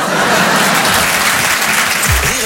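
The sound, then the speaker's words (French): Loud, sustained applause from a large audience at a comedy show, cheering a performer's stage trick: a dense wash of clapping with no gaps and no one speaking over it. “L'applaudit bien fort, Belinda.”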